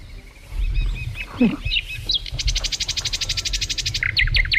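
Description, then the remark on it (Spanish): A lark sings a varied, rich song: high warbled phrases, a rapid buzzy trill of repeated notes, then sharp whistled chirps, over a low rumbling background with no talking. “uno de los sonidos de la naturaleza que más se escuchan y de los más bonitos.”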